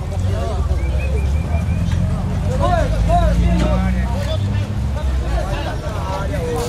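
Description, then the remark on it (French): A busy, loud crowd murmurs and calls out at the Ver-o-Peso market over a constant low engine rumble of fishing boats trying to get through the crush of vessels already docked along the crowded waterfront. “Vero Peso grouille de monde. Les bateaux de pêche tentent de se frayer un passage à travers l'entassement de vaisseaux déjà à quai.”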